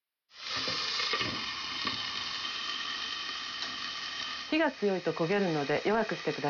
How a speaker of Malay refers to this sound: Pastikan batangan wortel terlapisi minyak secara merata dan tumis sampai warnanya berubah menjadi agak transparan.